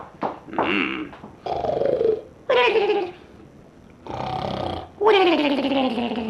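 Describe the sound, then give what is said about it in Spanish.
Strange, exaggerated snoring from someone who has fallen asleep: five or so loud bursts in a steady rhythm, each a raspy rumble that ends in a whistly, falling whine, with brief pauses between. “¡Qué manera tan rara de roncar!”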